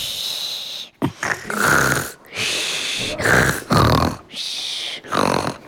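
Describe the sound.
A voice imitates snoring with a series of about five rasping, breathy snore sounds, each lasting around a second with short pauses between, fairly loud.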